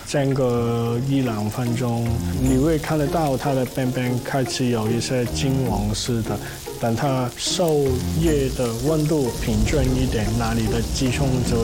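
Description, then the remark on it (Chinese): Chicken breast, brined in salted water with a little sugar and patted dry, sizzles steadily over high heat in a hot frying pan, a continuous crackling hiss running the whole time beneath a person talking. “我们煎鸡胸一定要把水分摸干，这样去煎鸡胸，它的外面是脆的，里面是软的，然后大火。”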